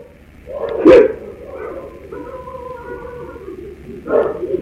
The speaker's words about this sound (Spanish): En donde se escuchan los perros que están totalmente, pues, ladrando, Brotados, sí, ¿no? están alborotados, y se alcanza a escuchar así apenas un lamento.